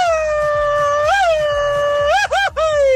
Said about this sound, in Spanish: A ver, ¿quién se va a llevar la bolsa de pan de la panificadora Hidalgo con su mejor grito mexicano